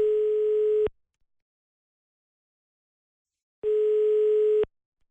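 A telephone ringback tone as a presenter from the radio station Antenne Ona calls a listener: two steady, buzzy one-second beeps separated by a long silent pause, heard clearly on its own while the call waits to connect.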